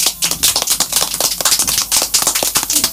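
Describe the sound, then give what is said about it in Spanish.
A crowd applauds with dense, steady clapping, many overlapping hand claps forming a continuous crackling wash that stays fairly loud throughout, with no voices standing out. The audience is welcoming a visiting delegation and its educators at Radio Ventisquero. “Ellas están acompañando a esta hermosa delegación que ahora nosotros ya lo recibimos y con un aplauso del público.”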